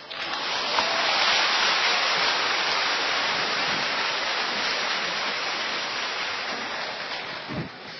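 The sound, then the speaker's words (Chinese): Warm, sustained applause from a concert audience, a dense steady wash of many hands clapping that holds at full strength for the whole stretch without letting up, with no voices over it. “按照传统，听到如此热烈的掌声是肯定要加宴的，而且我们准备了。”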